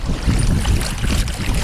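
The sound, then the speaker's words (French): A sailboat under raised sails pushes through water in the wind after leaving port, with a steady rumble of wind buffeting the microphone and a low wash of water running underneath, continuous throughout with no voices. “On avance! Tu te rends compte, on pensait qu'on n'avait pas de vent.”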